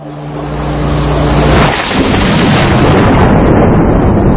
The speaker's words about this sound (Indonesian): Wah, ada guntur, teman-teman.